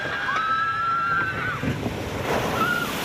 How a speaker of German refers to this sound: Platsch. So klingt eine Wasserbahn im Freizeitpark. Bisschen Nervenkitzel, aber vor allem auch ganz, ganz viel Spaß.